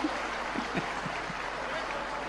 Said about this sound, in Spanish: Bueno, aplaudan todos juntos si tienen ganas de aplaudir. El aplauso es gratis, ¿eh?